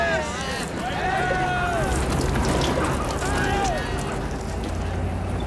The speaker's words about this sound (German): Sprengwagen nennen die das.